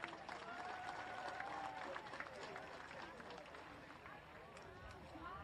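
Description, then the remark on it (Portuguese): A crowd of athletes and spectators at a sporting event applauds the referees and coaches steadily, a dense wash of clapping hands with scattered cheers and murmuring voices mixed in, holding a fairly even loudness throughout. “Queridos atletas, salva de palmas nossos árbitros e aos nossos treinadores.”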